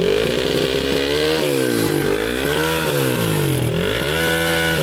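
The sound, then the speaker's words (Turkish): A vehicle fitted with a remote-controlled modified exhaust revs loudly and repeatedly up and down, its harsh, buzzing exhaust note rising and falling in several sweeping surges with no talking. “Araçta kumandalı egzoz mevcut.”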